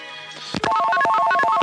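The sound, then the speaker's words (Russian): A telephone on a studio line of the radio station Echo of Moscow rings during a live broadcast with a fast electronic warble, two tones trilling back and forth for about a second, fairly loud, with no one talking over it. “телефон.”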